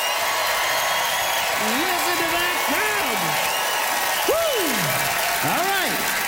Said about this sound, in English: Time to vote, audience, by applause.